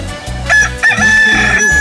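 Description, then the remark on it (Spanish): A rooster crows loudly, a strained, high-pitched cock-a-doodle-doo that holds a long nasal note near the end, with no voices over it. “¿A poco no motiva el canto del gallo?”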